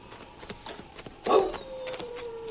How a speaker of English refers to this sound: That must be Prince, old Limp's dog.